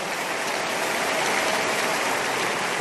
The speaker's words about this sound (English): One more time, make that clap better and bigger for the King of Kings.